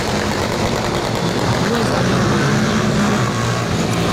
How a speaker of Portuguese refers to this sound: Pra quem tá no rádio, mas não tá assistindo a imagem, são pelo menos ali 2 minutos de gravação no total, e eu diria, Zé, que bate pelo menos ali 100 de moto passando.